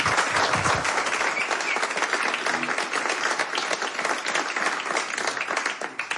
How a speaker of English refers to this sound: Some applause, please.